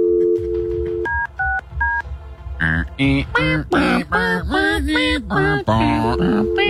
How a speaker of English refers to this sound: Oh, that's a dial tone again. Okay. If it's a fax machine, that would be disappointing.